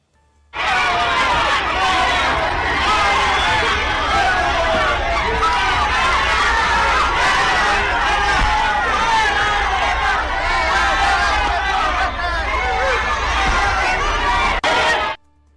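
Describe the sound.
A loud crowd of Chihuahua residents shouts and jeers in protest at the arrival of Morena national leader Ariadna Montiel at the capital's airport, many voices overlapping into a dense, continuous roar of angry yelling that holds steady for about fourteen seconds before cutting off abruptly.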